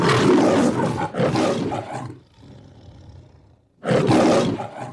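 A tiger roars loudly in two rough back-to-back bursts, drops to a low rumbling growl, then lets out another full, powerful roar. No one speaks.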